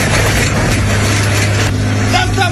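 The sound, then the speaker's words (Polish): A tractor with an attached plough drives onto freshly laid asphalt in Gliwice, Poland, its engine droning steadily and loudly, a low rumbling hum with rough mechanical noise that holds constant throughout, with no clear pauses or changes in pace. “A skoro tak, to podjechał traktorem z podpiętym pługiem i...”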